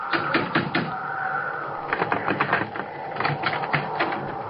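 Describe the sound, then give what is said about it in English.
Urgent, rapid knocking on the wooden door of a house during a snowstorm comes in several quick bursts of hard raps, fairly loud, over a steady background hiss with no voices. “I ran toward the house and stumbled up the path to the door. Let me in! Let me in!”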